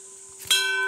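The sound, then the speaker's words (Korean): A temple bell on Mudeungsan mountain is struck once about halfway through, a sharp metallic hit that blooms into a loud, sustained ringing over a lingering hum from earlier strokes. No one speaks. “종소리 좋다.”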